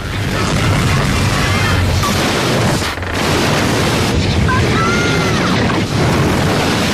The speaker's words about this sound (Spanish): Estamos escuchando unas olas, no son unas, son unas olas de mar normales, ¿no?